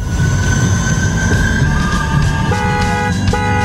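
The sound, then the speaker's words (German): A tram rumbles along steadily with low mechanical noise, then high metallic wheel squeals and tonal whines rise near the end, loud, with no voices. “Ja, das ist mein krasser Opener, den ich dir noch gezaubert habe in 5 Minuten.”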